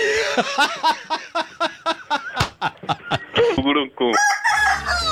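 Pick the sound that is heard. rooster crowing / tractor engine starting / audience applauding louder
rooster crowing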